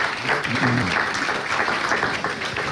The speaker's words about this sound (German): Deswegen mal großen Applaus, dass du heute den Abend hier überhaupt moderierst. Das finde ich ganz toll.